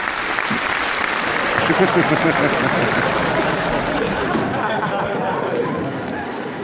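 An audience applauds after a performer's demonstration of bowing, with steady, dense clapping that holds at a fairly loud level for several seconds, then eases slightly toward the end, with faint crowd murmur mixed in.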